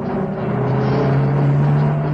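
A small pickup truck's engine drones steadily, its low hum rising slightly in pitch, with rough rumbling road noise underneath as it bounces along a rough dirt road through a rural scene of grenadilla plants. No voices.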